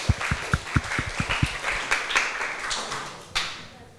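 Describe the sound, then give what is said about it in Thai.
A group of people applauds group 3 for correctly answering a quiz question about Thai desserts during an exhibition presentation. It starts with several sharp, evenly spaced claps that dissolve into a dense, uneven patter of clapping, which gradually thins and fades toward the end. “กลุ่ม3ครับ ภาคกลางครับ เป็นคำตอบที่ถูกต้องนะคะขอเสียงปรบมือให้เพื่อนๆกลุ่ม3หน่อยค่ะ”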